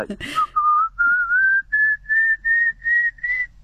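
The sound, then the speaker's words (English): A person whistles an imitation of a pallid cuckoo: a series of about eight sustained, loud notes, each stepping slightly higher in pitch, rising steadily in a regular rhythm. “And it's got an upward ascending, very loud call. Sounds like sort of someone whistling a dog. I'll try and do it if you like.”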